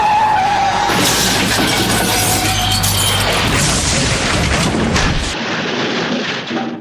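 A car's tires screech in a long skid, followed by a loud crash with shattering glass and crunching metal, the noisy impact filling several seconds before cutting off abruptly.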